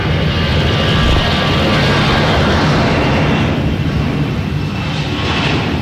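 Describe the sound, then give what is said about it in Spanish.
A loud, steady roar of a helicopter engine and rotor as the helicopter lands, returning from a training flight, a dense continuous rumble filling the whole stretch with no voices over it. “Y describir también cómo está haciendo este aterrizaje, el helicóptero que estamos viendo.”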